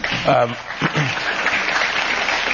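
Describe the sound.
Steady crowd applause, a dense crackle of many hands clapping throughout, with a voice briefly speaking over it near the start.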